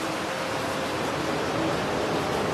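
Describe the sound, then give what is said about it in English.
A steady, dense hiss of heavy rain pouring down in Hilo, loud and unbroken across the whole clip, with no voices or other distinct sounds breaking through. “It came so fast, and pretty soon it was pouring rain.”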